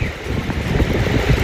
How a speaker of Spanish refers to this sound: estoy compartiendo un video que acabo de tomar desde mi domicilio en Los Dominicos, a dos cuadras más abajo de la estación Los Dominicos del metro. Una granizada que te la encargo. Un abrazo, cuídense mucho, nos vemos. Lo que cae ahora es granizo.